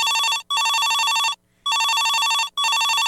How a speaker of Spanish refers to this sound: Pero el día de hoy, ¿qué creen? Que tengo una visita enlazada vía telefónica y esto me da muchísimo gusto, y que suene el teléfono de una vez porque ya estamos ávidos de platicar.